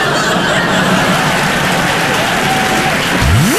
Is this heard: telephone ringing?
no